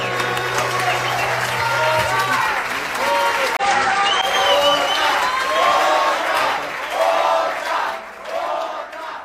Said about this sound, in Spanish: Un aplauso para mi querido amigo